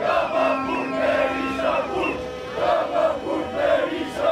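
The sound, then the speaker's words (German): A large crowd in Albania chants the political slogan 'Rama to jail and Berisha to jail' in unison, loud rhythmic shouted phrases repeating in steady pulses, with no single voice speaking over it. “Und dann gibt es noch immer diesen Sprechchor.”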